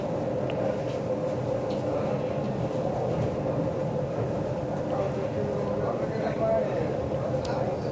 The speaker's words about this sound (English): I'm in the club car. That's the last one of this particular train. There are two sections of train.